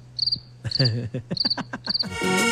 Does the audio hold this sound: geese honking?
no